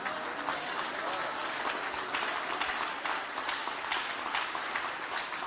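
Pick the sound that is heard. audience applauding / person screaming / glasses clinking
audience applauding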